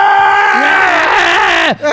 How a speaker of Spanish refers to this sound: Desde la mazmorra se escucha el grito del 9.